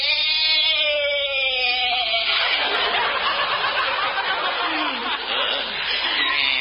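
goat bleating

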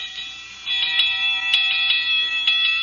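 alarm bell ringing

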